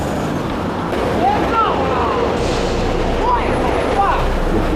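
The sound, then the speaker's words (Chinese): Steady, loud roar of traffic rushing past on the main road of Beijing's Jingtong Expressway near Gaobeidian subway station, Chaoyang District, beside a black SUV burning after a rear-end crash with a Jinbei van, while a police officer between the fire and the traffic shouts intermittently, waving his arms to warn drivers to speed past. “站在火场与车流之间，挥舞着手臂大声呼喊，提醒过往司机注意安全，加速通过。”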